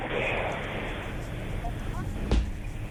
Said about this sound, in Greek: Ακούμε και το ελικόπτερο που επιχειρεί.